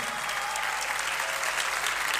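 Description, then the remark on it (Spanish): An audience claps steadily throughout, a dense, even wash of many hands with no pauses and no voices standing out. “Fuerte el aplauso.”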